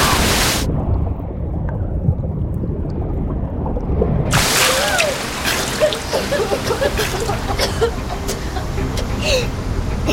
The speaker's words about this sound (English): Now that we're in deeper water, the waves are sucking us down with them. Here comes another wave. Hold your breath.